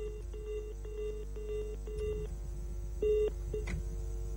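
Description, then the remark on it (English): A rapid series of short electronic telephone dialing tones, steady and fairly clear, followed by a couple of brief beeps, with no one speaking over them. “We're still working the phone lines to get them on the line to speak to us.”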